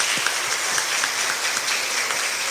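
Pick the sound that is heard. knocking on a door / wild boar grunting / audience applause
audience applause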